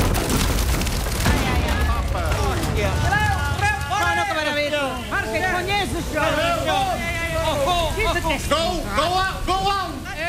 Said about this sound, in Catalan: Després d'una estona trontollant sense que ningú se n'adoni, els anells del barril rebenten i el barril esclata.